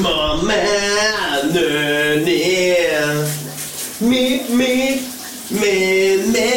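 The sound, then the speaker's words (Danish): A man sings loudly in the shower on a Wednesday morning, with wavering vibrato over the steady hiss of shower water running continuously beneath his voice, with brief pauses between phrases. “Vi skal have et brusebadshit den her onsdag morgen, som sædvanlig.”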